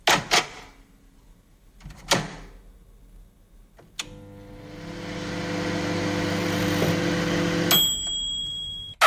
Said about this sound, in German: Ja, genau, unsere Mikrowelle, stimmt.